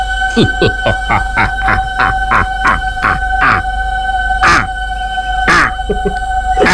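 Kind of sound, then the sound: bird, owl call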